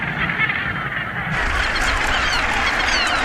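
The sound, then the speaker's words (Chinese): A seabird colony on Bass Rock, a small volcanic island about 2,000 metres off Scotland's east coast, calling in a dense, unbroken chorus: many harsh, honking cries overlap at a steady, loud level for the whole stretch, with no speech. “岛上物种不多，除了鸟就是鸟。”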